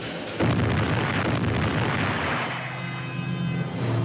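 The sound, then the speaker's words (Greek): A coal-fired steam boiler, whose stuck valves would not open to let the steam escape, explodes with a sudden loud blast, followed by a sustained roaring hiss and low rumble that slowly tapers off over several seconds. No voices are heard. “Τα λατήρια κόλλησαν, δεν ανοίγουν. Ο ατμός δεν μπορεί να ξεφύγει.”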